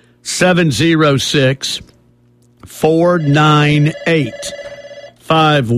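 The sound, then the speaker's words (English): A telephone rings in a few steady bursts, loud, with voice-like sounds mixed in and around the ringing, as a call comes in to the Swap Shop call-in show. “Let's go to the phones.”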